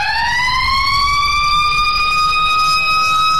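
A loud siren wails, its pitch sliding upward and then holding a steady, piercing tone, with a low rumbling noise underneath and no one speaking.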